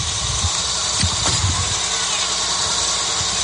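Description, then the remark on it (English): The engine of a 1976 Case tractor runs steadily, a low, continuous rumbling idle with a faint mechanical rattle and broad background hiss, and no voices. “Look at this tractor. That would be a 1976 Case.”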